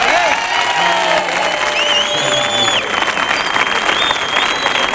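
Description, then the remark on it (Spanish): A crowd applauds steadily and loudly for several seconds, a dense wash of clapping with a few whistles and cheers rising above it. “Enorme, muy bien, Calambre en Sevilla, pero un aplauso para el Caniche.”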